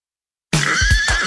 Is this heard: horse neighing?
yes